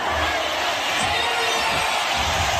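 A packed football stadium crowd in Somalia applauds and roars to welcome football referee Omar Abdulkadir Artan, a dense, steady wash of clapping and cheering that holds at a constant loud level throughout, with no distinct voices standing out.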